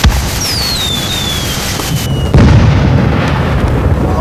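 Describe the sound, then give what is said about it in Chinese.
Fireworks go off in a continuous dense crackle and rumble, with a whistling rocket gliding downward in pitch, then a louder burst of booming explosions near the end. “来看烟花，放烟花了。”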